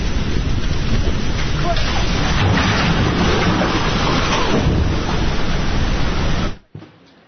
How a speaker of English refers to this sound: You can see that video on the BBC News website, along with many others that show the devastation that the sheer volume of water and the speed at which it came crashing between the hillsides has caused.